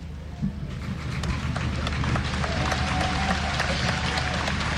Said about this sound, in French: Il n'a pas encore prononcé un mot, notre cher pape Léon, que déjà il est applaudi.